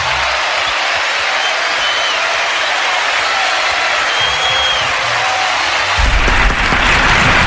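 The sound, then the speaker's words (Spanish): Steady, dense audience applause for a performer fills the whole clip, a loud wash of many hands clapping, with a slight surge and a few faint cheers near the end. “Un aplauso para él, gracias.”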